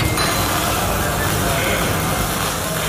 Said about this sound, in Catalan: Aquest és el so que se sent quan es desmunta un tren de Rodalies. Se li treuen les portes i els seients, es reparen els diferents elements que formen els vagons i es torna a col·locar tot en el seu lloc.